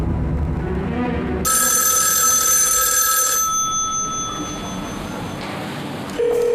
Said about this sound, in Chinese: 你接电话呀，倒是。我接算了。